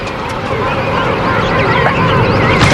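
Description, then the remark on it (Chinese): A large colony of emperor penguins, in a vast nursery midway through their breeding season in the midsummer heat, calls at once, a loud, continuous wall of overlapping squawks and trumpeting cries with no pause, crowded throughout. “这些帝企鹅已经有点受不了了，覆盖全身的厚实羽毛可以帮助它们抵御冬季严寒，但在盛夏时节，帝企鹅的这身装备实在是热情难却。”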